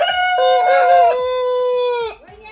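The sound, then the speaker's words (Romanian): A rooster crows loudly in one long, drawn-out call, with a flock of many hens clucking underneath and briefly continuing after the crow fades. “Niște găini, multe, multe, care sunt harnice acolo, cred că au făcut și ou.”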